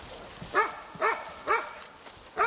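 A puppy yelps four times in quick succession as it comes down during a rescue of dogs from a filthy site, each cry a short, high, arching whine. The yelps come at a steady rhythm over a faint background hiss, and nobody is talking.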